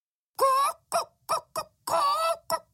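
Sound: hen clucking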